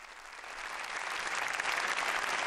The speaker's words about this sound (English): Let me hear applause for the performance, the opera performance here in the Conference Center, which will welcome the Pope.